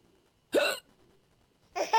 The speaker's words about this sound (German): Ja, auch sie haben sehr oft Schluckauf und das muss eben auch gut behandelt werden.